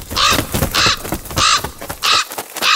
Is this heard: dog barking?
no